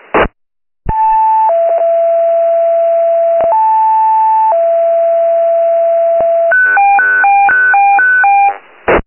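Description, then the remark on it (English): Loud electronic dispatch alert tones paging Medic 143: steady high beeps stepping down to long lower tones, played twice, then a quick warbling run of alternating pitches. No voices. “Medic 143, stand by for tones.”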